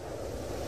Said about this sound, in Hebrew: או רוח.